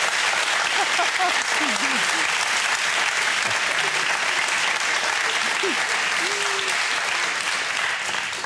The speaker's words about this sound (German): Und der Applaus geht nach Lebenstedt. Danke.